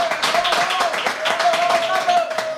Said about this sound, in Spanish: Es que tenemos público. Esto no lo sabéis los que estáis escuchando, pero hay gente a ver. ¡Venga, aplausos! Ahí va, muy bien, muy bien.